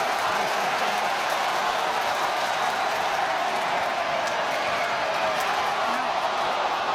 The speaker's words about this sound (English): The Sydney crowd are willing them on.